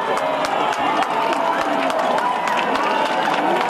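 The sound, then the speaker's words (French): A large crowd in Spain cheers and shouts during a total solar eclipse, in a dense, steady roar that stays loud for the whole few seconds, with overlapping voices and scattered sharp bursts rising above the din. “Partout en Espagne, de la joie et quelques cris.”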